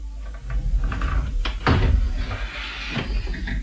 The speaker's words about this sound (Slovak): Otvorže mi. Otvor dvere maľované. Nenechaj ma takto darmo klopkať na ne.